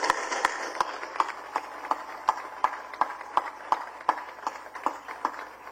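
An audience gives warm applause for those who worked to make a museum possible, a steady wash of many hands with sharp, evenly spaced claps marking a quick rhythm throughout. No one speaks over it.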